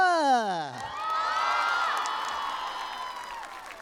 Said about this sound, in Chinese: 就请给谢谢，来掌声给他们。